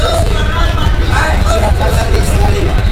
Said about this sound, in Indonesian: Di pusat moda transportasi massal yang terbesar se-Asia Tenggara ini, ratusan bus setiap hari keluar masuk terminal mengantar para penumpang ke tempat tujuan.